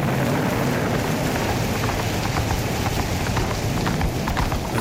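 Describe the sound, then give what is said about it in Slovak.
Steady, dense rain roars without pause in a storm with wind over rocky land, a continuous loud wash of noise with scattered sharper patters and a rumbling low end; no voices are heard. “nikdy neskončí táto hrozná búrka. Nikde ani stopa po životvorovi. Všade samá skala, vietor a dážď.”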